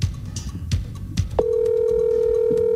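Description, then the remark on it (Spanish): A few soft clicks and thumps, then a steady, unbroken ringback tone of a normal phone call (not a WhatsApp call) begins and holds at a constant pitch until the end, loud, with no talking. “Que le contesten al caballo. Llámela por llamada normal, no por WhatsApp.”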